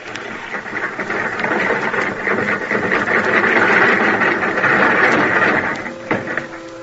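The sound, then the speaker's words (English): A crane's engine drones steadily as the boom lowers a car recovered from a river, a dense mechanical hum with rattling texture that swells midway and eases off near the end. “Tell him to lower the car, Florio. Hey, engineer, lower the boom.”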